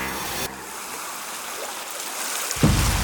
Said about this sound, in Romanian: Sound of a beach. Of a beach.